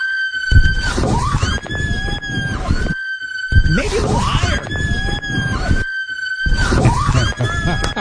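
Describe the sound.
Loud, sustained high-pitched screams come in three long bursts separated by brief gaps, shrill and close, with a voice briefly speaking between them.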